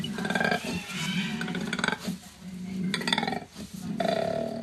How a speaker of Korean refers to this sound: 코알라? 코알라 소리? 네, 코알라 소리입니다. 코알라가 으르렁 거려요? 네, 코알라.